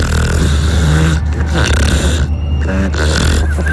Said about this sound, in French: Je crois qu'on les entend bien, les trucs ronfler, non? Elles ronflent bien, là.